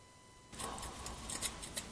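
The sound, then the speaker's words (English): Scissors snip repeatedly, a quick series of crisp metallic cuts that begins abruptly after a brief quiet moment, with no talking. “It is not a pretty cut.”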